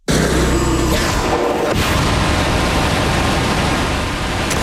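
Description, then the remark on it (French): A Hadfield rocket engine, designed to propel a rocket into space, in a test firing recorded by a company in Markham: a loud, steady roar that begins with a low, throbbing rumble and, after about two seconds, swells into a dense hissing blast that holds to the end. “Que vous venez d'entendre, c'est un moteur Hadfield conçu pour propulser une fusée dans l'espace.”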